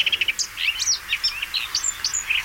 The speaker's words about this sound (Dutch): Deze bosrietzanger van Dirk-Jan Saaltink bijvoorbeeld. Koud terug uit Oost-Afrika, neergestreken onder de rook van Rotterdam, zingt hij zijn lied. Doorspekt met veel vogelgeluiden die hij tijdens zijn reis gehoord en geleerd heeft.